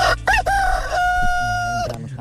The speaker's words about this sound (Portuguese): Galo veio, acordou forte. Galo tomou hoje, café.